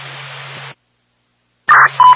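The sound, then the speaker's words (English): A burst of radio hiss cuts to silence, then a loud pair of sequential ambulance dispatch paging tones sounds over the radio channel, one steady pitch quickly followed by another. “You can hold off on any other tones.”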